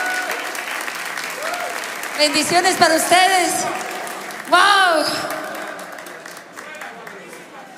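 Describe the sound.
A live audience applauds steadily for the whole stretch, a dense wash of clapping for a performing music group, while a man speaks and exclaims over it into a microphone.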